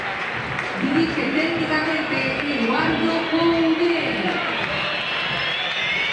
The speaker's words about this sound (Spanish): Y silbidos, ¿eh? Silbatina, ¿eh? Fue el más silbado. Sí. El Chacho Caudet.